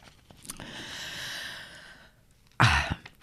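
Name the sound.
cough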